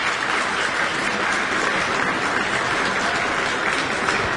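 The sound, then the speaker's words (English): An audience applauds violinist Benjamin Baker and pianist Madeline Zhao after Deep River by Samuel Coleridge-Taylor, a dense, even wash of many hands clapping at once, sustained and fairly loud throughout with no voices standing out. “And an audience applauding violinist Benjamin Baker with pianist Madeline Zhao.”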